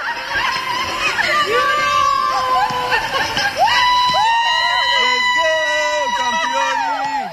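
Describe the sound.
Several cast members of the film Eu contez scream and shriek with joy at Henri Coandă airport as they welcome actress Alina Șerban with flowers; high-pitched excited cries overlap loudly and continuously, with whoops and cheering mixed among the voices.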